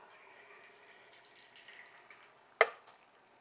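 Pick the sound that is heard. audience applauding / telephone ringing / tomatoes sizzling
tomatoes sizzling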